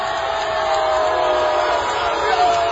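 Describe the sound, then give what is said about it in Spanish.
A large crowd gathered outside Cristiano Ronaldo's hotel in Canada, booing or cheering as he appears on the balcony celebrating Portugal's victory, roars in a steady, dense wash of mingled voices, loud and sustained throughout, with no single words standing out and a brief swell near the end. “Estos no sé si son abucheos o son este...”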